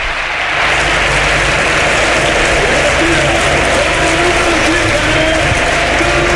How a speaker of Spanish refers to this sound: La verdad es que yo creo que se merece este aplauso el jugador de la Cultural, porque ha sido de lo mejorcito sobre el terreno de juego.